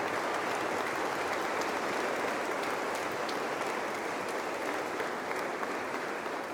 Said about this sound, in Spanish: Les damos un aplauso y que Dios les bendiga.